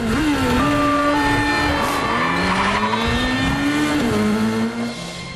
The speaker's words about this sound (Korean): 경찰 차량들은 하나 둘 합류해 점점 수가 늘어나고 에단은 개선문 원형 교차로에 진입한다. 에단이 개선문을 옆에 두고 차들을 피해 빙글빙글 돈다.